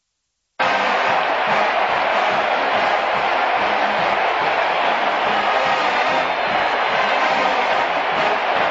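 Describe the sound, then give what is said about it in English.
A huge stadium crowd at a college football game in Tennessee, as Donald Trump appears on the video screen, roars continuously, a dense wall of cheering and shouting that starts abruptly and stays loud and steady throughout, with no single voice standing out. “Here's another moment at a college football game in Tennessee where they love their Republicans.”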